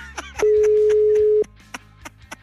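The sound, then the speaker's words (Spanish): A single steady, mid-pitched telephone ringback tone sounds loudly for about one second over faint ticking and clicking, then stops with no answer. “Tampoco nos va a contestar, güey.”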